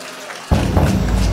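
After a brief hush, a crowd bursts into loud, dense applause for a live band on Radio Monte Carlo's Monte Carlo Nights, live from Perugia. The clapping merges into a steady, crackling roar that holds to the end.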